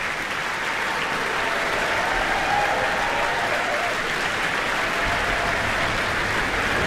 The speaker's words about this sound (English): And applause for Alexander McFarlane, who started the beautiful tune in that Somewhere movement. Such a gorgeous song.